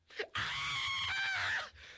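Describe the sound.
A loud, drawn-out scream of pain from a character in a fictional story whose hand was slightly broken trying to knock open a solid metal door, performed by a single voice, rising sharply after a short breath and holding strained and wavering for over a second before cutting off.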